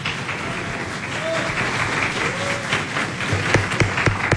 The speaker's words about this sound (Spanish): Que se escuchen fuertes los aplausos, por favor.